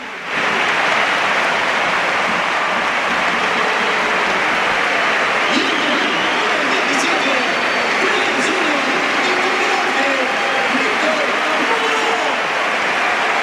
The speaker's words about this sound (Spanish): Bueno, pues el aplauso evidentemente para Lamine.